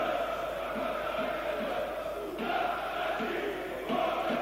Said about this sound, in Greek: Μαζεύτηκε πάντως κόσμος στο Βικελίδης, έτσι ακούω κάποιους που φωνάζουν. Ναι, έχει κόσμο, αλλά για τα δεδομένα του Άρη είναι, θα λέγαμε, ελάχιστος.